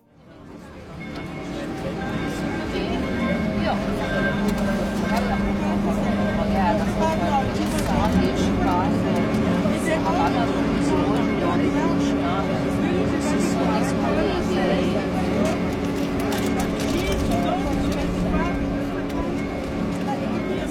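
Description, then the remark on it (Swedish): A water taxi's motor drones steadily on the Canal Grande for the whole stretch, a low continuous hum with broad washing noise over it and faint murmuring. “Jag ger mig ut på gatorna, hoppar ner i en båttaxi som går via Canal Grande.”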